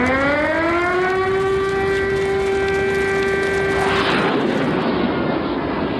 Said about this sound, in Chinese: 上世纪60年代某天，东南沿海突然警报大作，一架 U-2 正向南京逼近。